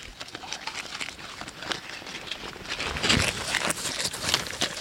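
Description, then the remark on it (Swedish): Swedish Landrace pigs eat noisily, a steady stream of wet smacking and chomping clicks that overlap in a busy, irregular rhythm, growing slightly louder toward the end, with no voices. “Hörs du vad det smaskar?”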